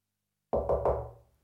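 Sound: knocking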